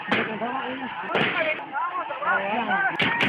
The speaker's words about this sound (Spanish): A las 3 de la tarde, el ejército arremetió contra población desarmada con disparos, lo que ocasionó la muerte de 7 personas e hirió a 34 más.